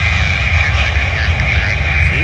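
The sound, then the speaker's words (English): A loud airplane rumbles steadily down the runway on landing at Cincinnati/Northern Kentucky International Airport, its tail striking the runway and causing sparks, a deep engine roar with a hissing whine above it that holds constant throughout. “Yeah, but the tail's not supposed to hit the runway and cause sparks to shoot up like that.”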